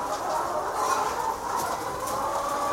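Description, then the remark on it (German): A steady, dense murmur of many hens cooing and softly clucking together in a barn, a continuous chorus at even volume with no one talking. “Aber wenn ich so wenn ich so durch den Stall gehe, dann lieben mich die Hühner.”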